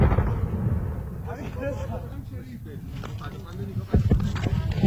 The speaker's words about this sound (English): Sounds of explosions rocking Tehran as the U.S. Central Command say that attacks are designed to impair Iran's ability to threaten commercial ships in the Strait of Hormuz.